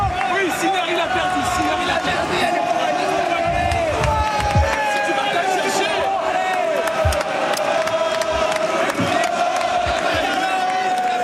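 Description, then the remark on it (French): A tennis stadium crowd at Roland Garros cheers and shouts steadily, a dense roar of many voices with rising whoops and yells, loud and continuous throughout without a pause. “Tiens, je vous propose d'écouter la ferveur, la chaleur et les cris de Roland Garros.”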